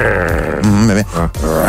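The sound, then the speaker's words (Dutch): A person imitates a tiger for a song with a loud, rough vocal growl that rumbles continuously for under two seconds, briefly dipping before rising again. “En doe een keer een tijger.”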